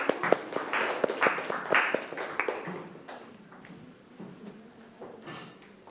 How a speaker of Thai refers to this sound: ก็ปรบมือให้เพื่อนๆด้วยครับ